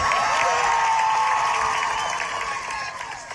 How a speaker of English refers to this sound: And the crowd erupted in cheers when Gomes's name was called. Marcelo Gomes da Silva.